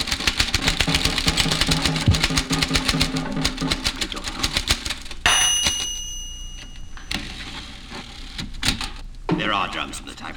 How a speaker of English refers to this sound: There are drums in this typewriter.